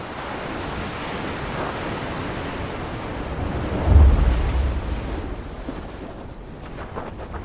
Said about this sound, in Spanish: Mal clima. Vientos fuertes, olas altas. Ya es peligroso para quienes están afuera.